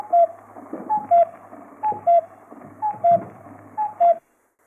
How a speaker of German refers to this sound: Der Kuckuck war ein Ruf, der die Bomber angekündigt haben im Zweiten Weltkrieg.